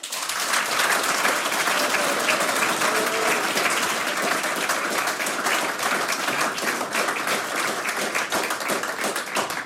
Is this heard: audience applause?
yes